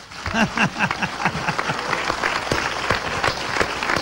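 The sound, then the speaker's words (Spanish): A crowd of people claps steadily and densely for about four seconds, giving applause to the Holy Spirit, the applause sustained and fairly loud, with a few faint voices calling out near the start. “Denle un aplauso al Espíritu Santo.”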